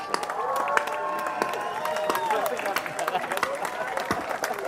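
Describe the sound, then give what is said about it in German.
A festival crowd claps steadily for the festival organiser's colleague: a dense patter of many hands, with cheering and raised voices mixed in, holding at a fairly even level throughout. “Bitte einen riesengroßen Applaus an meine Kollegin.”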